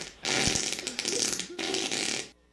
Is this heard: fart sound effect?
yes